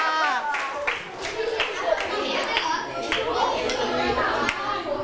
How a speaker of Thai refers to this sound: เอาละค่ะขอเสียงปรบมือให้กับกลุ่มที่4ค่ะ